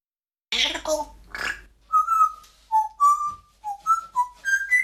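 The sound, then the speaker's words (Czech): A parrot named Žaninka gives a short raspy, voice-like squawk, then whistles a string of clear, pure notes in a tuneful phrase that steps up and down and ends on higher pitches. “Žaninko, papoušku, ty zase budeš v rádiu.”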